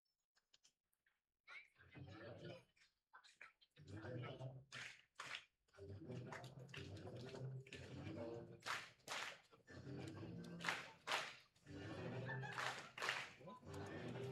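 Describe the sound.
A stadium crowd claps along to a theme song, with sharp double claps landing in a steady repeating rhythm over the music and a busy murmur of voices.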